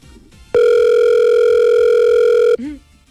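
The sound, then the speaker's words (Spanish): A loud, steady telephone tone sounds for about two seconds, like a misdialed-number signal, then cuts off abruptly, followed by a brief murmur of voice and faint background noise. “Me está diciendo que marque bien.”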